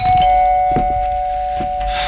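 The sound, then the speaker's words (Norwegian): An electronic doorbell rings over and over, its steady buzzing chime sustained while repeated presses punctuate it, fairly loud with no voices. “Nå er jeg blid og fornøyd, men du hadde kanskje ikke trengt å ringe på så mange ganger, men da fikk jeg snakke litt med meg selv, eller snakke egentlig til ringeklokka.”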